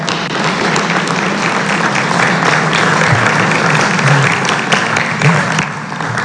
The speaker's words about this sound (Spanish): Así que creo que merecemos, yo creo que un aplauso a todos estos atletas y todos los que están.